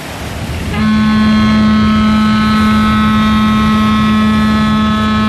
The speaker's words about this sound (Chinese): 江心有大货轮走过，船笛震得耳膜嗡嗡响，接着齐长的波浪便像一把大扇子似的扫过来，直叫铁甲艇上下颠簸好一阵子。